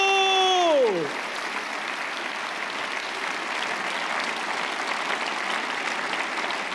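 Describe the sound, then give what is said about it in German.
A short tonal sound slides sharply downward, then an audience breaks into steady, sustained applause for the performer Bumillo that carries on evenly for several seconds with no voices on top. “Klatscht, jetzt hält Bumillo Hof.”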